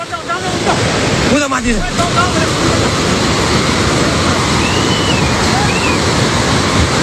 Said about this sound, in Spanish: Esto es el sonido del agua, llevándose por delante autobuses, edificios, la gente corriendo, las imágenes son brutales.